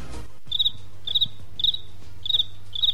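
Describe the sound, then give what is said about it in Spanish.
A cricket chirps alone in steady rhythm, five bright, high trilled bursts spaced about half a second apart, clear over a faint low hum. “Solo el grillo.”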